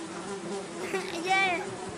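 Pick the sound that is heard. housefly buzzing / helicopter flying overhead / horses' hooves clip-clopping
housefly buzzing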